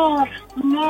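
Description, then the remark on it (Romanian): A person imitates a bear with a short, low, voiced growl, two rumbling bursts with a brief dip between them, under a second long, as part of an animal-imitation guessing game. “Ursul.”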